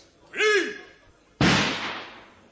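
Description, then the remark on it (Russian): A short rising-and-falling vocal cry, then a single sharp gunshot fired into the air cracks out as a line of soldiers faces a crowd of demonstrators, its loud report trailing off in a long echoing decay. “Хлопнул одиночный выстрел куда-то в воздух.”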